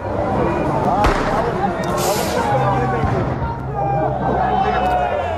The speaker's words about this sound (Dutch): Vanavond liep een protest opnieuw uit de hand. Er werd vuurwerk gegooid en brand gesticht.